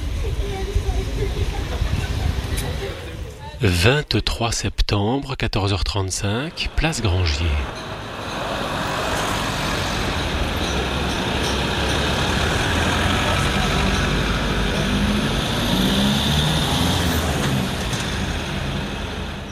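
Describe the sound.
Open-air ambience of the Place Grangier town square in the town centre at 14:35 in September 2003, on one of the first car-free days: a steady, busy wash of street noise and activity, with a burst of voices and clattering sounds early on before settling into an even background hum.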